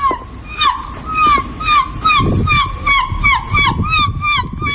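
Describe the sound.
A woman performs her competition-winning seagull impression, a rapid string of loud, high, squawking cries, each call rising and falling in pitch, repeated rhythmically for about five seconds over a low background rumble.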